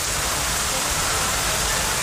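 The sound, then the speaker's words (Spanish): Heavy rain pours down in Barcelona during a storm in a dense, steady hiss that fills the whole recording, loud, with a constant wash of droplets and no pauses or voices. “El sonido de la intensa lluvia caída en Barcelona”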